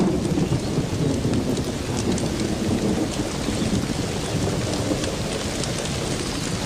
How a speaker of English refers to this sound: The downpour does little damage to the earthen mounds.